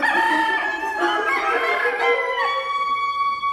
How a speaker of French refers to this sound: D'ailleurs en France, on dit que le coq chante coqueline ou tout simplement qu'il fait cocorico.